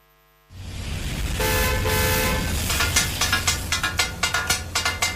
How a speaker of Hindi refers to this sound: अरे ये किस चीज की आवाज है? क्या तुम्हें पता नहीं ये लाहौर की मशहूर डिश टकाटक की आवाज है। टकाटक, ये कैसा पकवान है? जी बिल्कुल, ये पकवान ही है। जैसे पंजाब का मशहूर शहर लाहौर है, वैसे ही लाहौर का मशहूर पकवान टकाटक है।